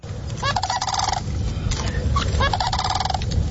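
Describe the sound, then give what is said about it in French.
A crane calls in two rolling, rattling bursts, loud, separated by a brief pause, over a steady low outdoor rumble with no talking. “La grue, exactement. La chasse à la grue qui va être autorisée sur les terres agricoles dès septembre.”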